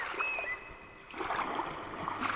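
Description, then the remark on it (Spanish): Sea water at Coruña washing and churning in a steady hiss that eases briefly, then surges back louder, with a faint thin whistling tone near the start and no voices. “Para los que no vayamos a Valladolid, nos quedamos en Coruña escuchando este sonido del mar”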